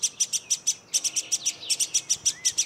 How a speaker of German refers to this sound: So langsam nervt die Drossel.